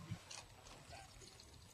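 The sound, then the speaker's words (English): Ice water pours into a glass in a soft, steady trickle lasting under two seconds, opening with a faint clink, with a low murmur of background noise underneath. “Oh, I need ice water.”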